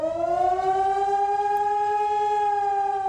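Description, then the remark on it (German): A civil defense warning siren in Germany wails steadily and loudly during the nationwide warning day, its tone slowly rising and holding high with rich harmonics, sounding alone with no voices for about three seconds. “Beim bundesweiten Mahntag sollen Handys Alarm schlagen, Warn-Apps aufploppen und vielerorts auch die Sirenen heulen.”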